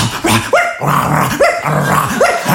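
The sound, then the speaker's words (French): A man imitates a dog with a run of loud barks and yelps, about four rising bursts in quick succession with growly undertones. “Vous m'avez dit de faire le chien, putain, fais le chien”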